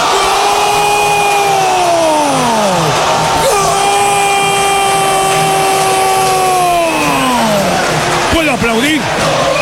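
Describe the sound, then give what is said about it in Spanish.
A loud stadium crowd at a football match roars and cheers continuously after a goal by Flores, with long, drawn-out shouted calls swelling and falling over the dense noise of the crowd. “Vamos a aplaudir.”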